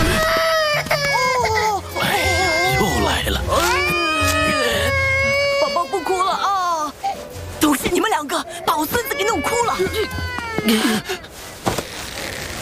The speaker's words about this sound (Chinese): 你们怎么搞的？ 越哭越凶啊！